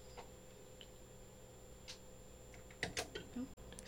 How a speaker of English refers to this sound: I'm clicking buttons.